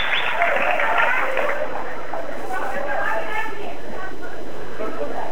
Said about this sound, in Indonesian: Sepertinya semakin meningkat ya. Tepuk tangannya semakin panas ini. Kita semakin menyala-nyala di dalam ruangan ini.